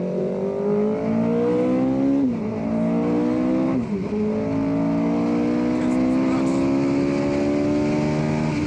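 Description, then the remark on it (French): A 500-horsepower V8 Cosworth racing engine roars loudly and continuously, revving up to 11,000 rpm, its pitch climbing through several gear changes with brief dips between shifts. “Ce V8 Cosworth, mais il hurle.”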